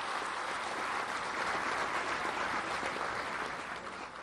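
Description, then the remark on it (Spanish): Sustained applause from an audience, a dense steady wash of many hands clapping at once, holding strong throughout with no voices standing out, given for President Claudia Sheinbaum. “Y yo quisiera que le brindemos un fuerte aplauso a nuestra presidenta Claudia Sheinbaum por este gran gesto de amor a los estudiantes.”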